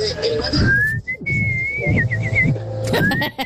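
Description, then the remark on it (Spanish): A person whistles a bird-like trill: a rising note glides into a fluttering warble, then a new rising whistle starts, clear over a low background rumble. “Hasta con el trino del pajarito, así.”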